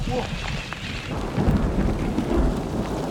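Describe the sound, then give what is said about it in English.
Steady rain hisses while deep thunder rolls and rumbles underneath, swelling into heavier booming surges partway through. No voices are heard. “On est en train de se choper un petit oral.”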